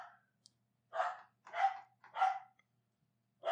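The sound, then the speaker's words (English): A dog named Shelby barks at the door in a quick series of about four sharp, loud barks at a fairly steady rhythm, with no one talking. “I don't know what this lunatic is barking at.”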